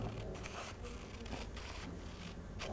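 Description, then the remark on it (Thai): A teacher cuts straight lines with scissors along dotted lines on paper for a children's lesson, with a handful of crisp snips at an uneven pace over a low, steady background hush. The strips are cut without being cut apart. No one speaks. “ตัดจนครบกี่เส้นคะเด็กๆสวัสดีกี่เส้นคะตอนนี้ครูปิ๊งตัด3เส้นแล้ว4เส้น”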